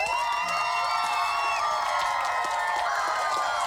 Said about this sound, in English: just big round of applause for them.